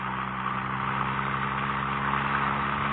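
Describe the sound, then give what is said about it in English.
A small car's engine hums steadily as it drives through flat, open country, a continuous mid-pitched drone with faint rumble and road noise, even throughout with no talking. “I love our little car, but this flat, open country is sad.”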